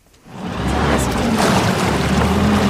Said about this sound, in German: Die Retter der DLRG Rheinfelden düsen mit ihrem Einsatzboot über den Rhein. In der Grenzregion am Hochrhein werden sie zurzeit mehrmals die Woche zu Einsätzen gerufen.